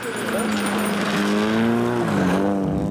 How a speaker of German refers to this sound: drückt auf einem entlegenen Feldweg ordentlich aufs Gaspedal. Ihr Auto ist eigentlich ein klarer Fall für den Schrottplatz.